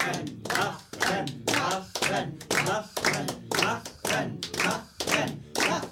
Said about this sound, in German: Angestachelt durch die nicht hörbaren Rufe des Dichters in seinem Wasserglaskäfig, klatscht die Hälfte des Publikums Beifall.